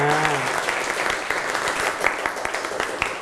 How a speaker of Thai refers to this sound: โอเคปรบมือให้กลุ่มที่2นะครับ